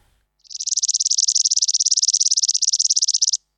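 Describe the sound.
A toy whistle trills like a bird: a shrill, high, rapidly warbling tone held steady for about three seconds, fairly loud and heard on its own with no talking.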